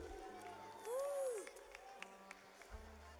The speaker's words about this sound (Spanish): Démosles un aplauso a nuestros amigos mientras que se preparan, recibámoslos.